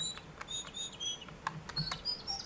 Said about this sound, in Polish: Świergot ptaka.